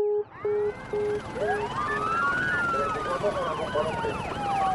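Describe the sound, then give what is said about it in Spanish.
Several police sirens wail and yelp at once, overlapping rising and falling tones, loud, as five police cars enter a street and pull up at a house. “En menos de 3 minutos entraban en mi calle y llegaban a mi casa 5 carros de policía, un helicóptero, una unidad de rescate, un equipo de televisión y una delegación de derechos humanos.”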